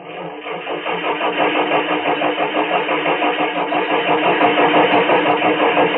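A rented car's engine cranks over and over without catching, a steady, rhythmic churning whir that keeps going for several seconds, fairly loud, with no voices.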